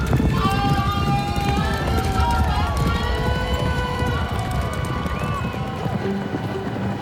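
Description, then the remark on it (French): Horses gallop past at a horse race in a dense, rapid drumming of hooves, loud, while a crowd shouts and cheers over the steady rumble. “Manet et Degas vont aux courses. C'est très à la mode. Ils peignent les chevaux en train de bondir”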